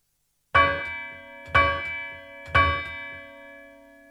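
A church bell strikes three times, about a second apart, each loud clang leaving a rich, shimmering hum that lingers and overlaps the next stroke before slowly fading.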